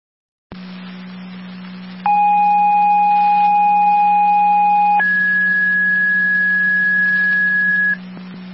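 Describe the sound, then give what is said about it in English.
Fire dispatch paging alert tones, a second set sent to Middle Port for an EMS call: a steady mid-pitched tone holds for about three seconds, then switches to a higher tone for another three, all over a constant low radio hum and hiss. “Repeating to Middle Port, second set of tones.”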